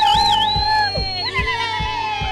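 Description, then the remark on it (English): A loud studio crowd cheers and whoops with rising and falling shouts, over a steady thumping beat that pulses roughly twice a second throughout. “The studio crowd was even at the wedding.”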